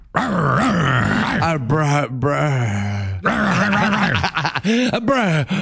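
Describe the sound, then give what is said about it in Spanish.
A human voice imitates a dog, growling and panting loudly in a continuous stretch of rough, strained vocal sounds with short breathy gasps. “Sí, jadeando ya.”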